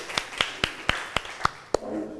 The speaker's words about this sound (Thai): ค่ะขอเสียงปรบมือให้เพื่อนกลุ่มที่2ด้วยค่ะ